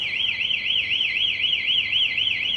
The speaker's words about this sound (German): Jedoch wird es erkannt, dass jemand versucht, das Kabel zu klauen. In diesem Fall löst die Säule Alarm aus, optisch und akustisch.